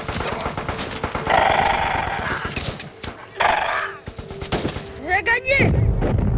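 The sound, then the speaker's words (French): Rapid, crackling bursts of machine-gun fire rattle continuously, punctuated by heavier booms of cannon fire, with a horse whinnying briefly near the end amid the noisy battle din. “il est tout à fait possible que le jeune Philippe de Hauteclocque ait pu entendre le bruit de la mitraille, voire le bruit du canon”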